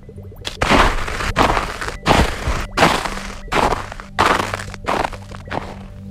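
Footsteps crunch through freshly fallen snow, about seven steady, evenly spaced crunches, fairly loud, with no talking.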